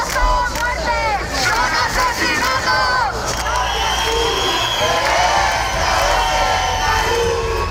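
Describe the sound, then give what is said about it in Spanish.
A large protest crowd in Madrid, mourning the death of Mari Carmen, chants slogans against evictions such as "no toleraremos ni un desahucio más". Loud rhythmic shouting voices overlap with constant crowd noise and scattered cheers throughout. “Dolor y rabia por la muerte de Mari Carmen con consignas como no toleraremos ni un desahucio más o no habrá más Mari Cármenes en Madrid.”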